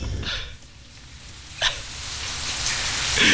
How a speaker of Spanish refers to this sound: Sonido de lluvia. La ventana.